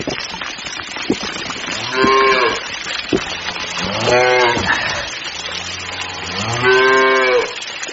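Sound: cattle mooing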